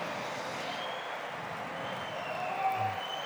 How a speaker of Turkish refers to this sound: Evet, koroyu tekrar bir kere daha sadece koroyu alkışlatıyor şef. Müthiş hakikaten, bir koro hakikaten. Müthiş bir koro.